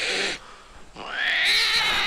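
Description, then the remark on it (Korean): A brief rush of noise and a short pause, then a cat lets out a long, loud, plaintive yowl that rises and holds, drawn out until the end. “이게 피가 끓는 심정으로 이 너무 사랑하는 우리 주인님을 내가 이 긁었다라는 게 믿기지 않아서 가슴 끓는 이 울음으로 이 고양이가 사과를 한 거고요.”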